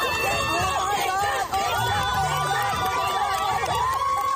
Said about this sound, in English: We have Suffolk County, which is Tanner Park, and Freeport here in Cobb Meadow Park. You hear those cheers? We support each other, we love each other, we have so much fun.